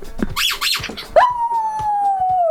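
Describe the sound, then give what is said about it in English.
The dog Poppy lets out a long, steady howl that slowly drops in pitch, preceded by a couple of short, sharp yelps or noisy bursts. It sounds fairly loud. “Great jingle, just Poppy howling.”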